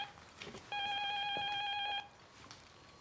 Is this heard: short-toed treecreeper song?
no